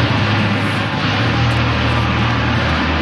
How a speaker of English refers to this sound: As the 9-jet aerobatics team soared overhead, there was plenty of emotion on the ground, particularly among volunteers who have watched the team perform over the city's lakeshore every year.